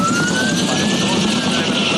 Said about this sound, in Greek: Σε χάνουμε, Κώστα, γιατί πέρασε πολύ χαμηλά το ελικόπτερο για να κάνει την ρήψη